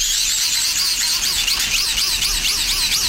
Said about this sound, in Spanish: Es un aspersor de estos que hay en los jardines para regar el césped o los jardines, que van girando, va saliendo el agua y van haciéndose ruido, sí.